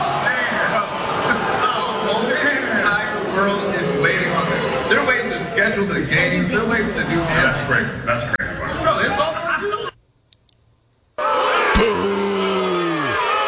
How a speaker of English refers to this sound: He's even got his own people booing him.